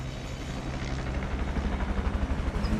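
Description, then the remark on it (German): A helicopter drones steadily in Tyrol, its low rotor thump growing louder and more pulsing as it flies over the forests straight toward the listeners, with no voices. “So, jetzt ist er da. Der Heli. Hörbar zumindest, der Heli.”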